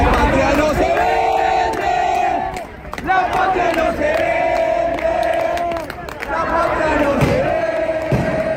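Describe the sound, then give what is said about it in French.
A large protest crowd in the rain in front of the congress in Buenos Aires chants loudly in unison, voices rising and falling in repeated phrases over a constant roar of many people. “À Buenos Aires, face au congrès qui doit voter la loi, la foule est nombreuse malgré la pluie.”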